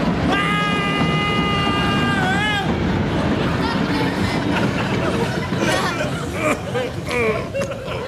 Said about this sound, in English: Oh, the train's coming, sir. The train's coming.